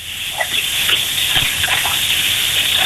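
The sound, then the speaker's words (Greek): Water runs steadily from a bathroom tap, a continuous hissing gush with faint splashing flickers, loud, with no talking. “Εσείς που ανοίξατε νεροχή την μπάνιο, τι ήτανε, δεν ξέρω.”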